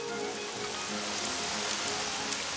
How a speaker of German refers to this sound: Lauer Regen. Sommerregen, rauscht von Büschen, rauscht von Bäumen.